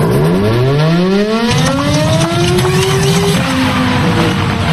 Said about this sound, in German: Mensch, kaum läuft die Sirene mal, gibt sie direkt den Geist auf.